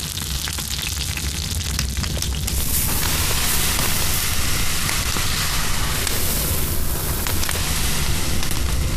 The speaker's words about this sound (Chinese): 煎到两面金黄的小鱼，放到铺撒着米糠的炭火上方，稻壳噼噼啵啵作响，烟气带走小鱼的水分，香味分子不断附着其上。